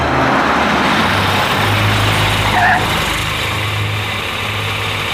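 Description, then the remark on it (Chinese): A car engine runs steadily throughout, a low continuous rumble with a broad wash of road noise, fairly loud, with no voices over it. “汽车就在外面，请。”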